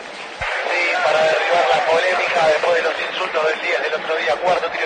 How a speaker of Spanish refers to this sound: Bueno, llega Juanfer y la gente lo aplaude. Escuchá.